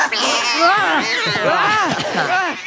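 Three young kittens meow at once in high, wavering cries that overlap and rise and fall continuously, fairly loud, with no pauses throughout, after springing out from under a jacket.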